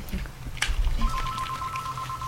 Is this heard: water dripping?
no